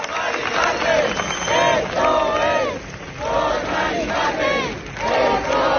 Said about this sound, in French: Ils sont des milliers depuis mercredi à crier le nom d'une femme qu'ils n'ont jamais rencontrée.